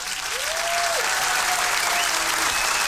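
Sustained applause for the winners of a contest draw, a dense steady patter of clapping filling the whole stretch, with a faint whistle-like tone drifting over it.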